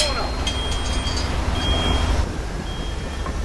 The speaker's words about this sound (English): Now, a garbage truck lumbers down a tree-lined residential street. The wizards watch it pass from inside a gated garden.